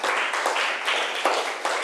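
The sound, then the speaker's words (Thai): A group of students in a classroom applauding a classmate after a presentation, a dense, steady patter of many hands clapping at an even loudness for about two seconds, with no voices over it. “ขอบคุณค่ะปรบมือให้เพื่อนหน่อย”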